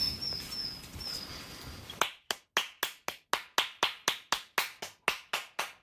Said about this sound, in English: We'll just walk along a little bit and we'll try and clap up some robins.